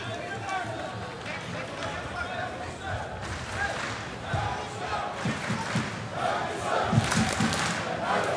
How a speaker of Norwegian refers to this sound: Går publikummet, prøver å mane guttene sine opp til en skikkelig sluttspurt her nå.